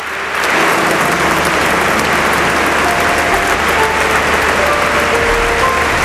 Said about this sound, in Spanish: Esto que estamos escuchando ahora mismo son los aplausos que se están ofreciendo, que se están dando en esa iglesia de San Agustín en Barcelona, donde se encuentra ahora mismo el Papa León XIV, saludando a una de las personas que está interviniendo,